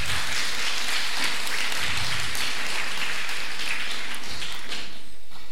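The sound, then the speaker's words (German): A crowd applauds steadily, a dense wash of many hands clapping at once, loud and sustained for several seconds with no voices over it, welcoming the vice mayor as a guest of honour at an event. “Applaus.”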